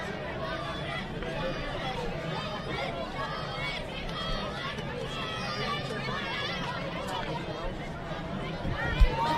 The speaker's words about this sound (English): Fans in attendance cheering on the Cal Golden Bears as Roach decides to step off the mound and give himself a chance to reset a little bit.